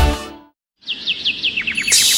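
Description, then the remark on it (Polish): A bird sings a string of bright, high, downward-sweeping whistled notes, about a dozen in a row, quickening toward the end, heard alone over a faint airy hiss after a brief silence, in summer at Brzoskwinie Ogród, 15 kilometres from Kraków. “Posłuchaj śpiewu ptaków, szumu drzew”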